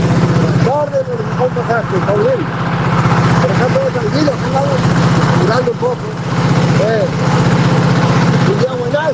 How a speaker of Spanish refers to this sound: sé que anda en un tractor. Le voy a compartir un segundito el audio, casi no se lo escucha. Pero mirá.